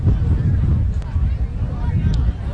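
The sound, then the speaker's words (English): Wind buffets a microphone on a windy night in Champlin, with a steady, loud low rumble that fills the whole stretch, with a couple of faint brief high tones sounding in the background. “A windy night here in Champlin.”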